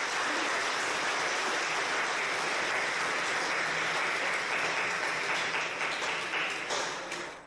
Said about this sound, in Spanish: Permítame que le den un aplauso a Monseñor en este día especial.